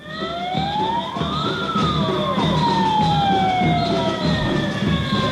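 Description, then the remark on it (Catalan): A morning protest rally by Palma lifeguards in front of Palma City Hall on Plaça de Cort, where several wailing sirens rise and fall over one another, loud and unbroken, with a steady background din and no clear voices. “Això que sentiu és la concentració que s'ha fet avui matí a la plaça de Cort.”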